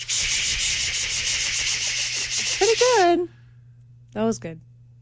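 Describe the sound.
Someone imitates a cicada with a loud, harsh, high-pitched rasping buzz for about three seconds. It trails off into a wavering vocal warble, then a brief squeaky yelp follows a short pause.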